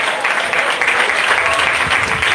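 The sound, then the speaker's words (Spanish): An audience claps loudly and steadily for the Lord during an afternoon sermon, a dense wash of many hands applauding together throughout, with no one speaking over it. “Denle un fuerte aplauso al Señor en esta tarde.”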